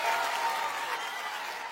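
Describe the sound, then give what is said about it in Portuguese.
Steady applause from a crowd for footballer Hendrik Lyon, a dense wash of many hands clapping at once, sustained and fairly loud throughout with no voices standing out. “Faz um aplauso para ele lá.”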